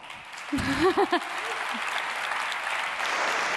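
Steady applause from an audience fills the space, a dense wash of clapping with a brief vocal cheer or shout rising near the start before the clapping carries on evenly, given for colleagues who stood on stage that day.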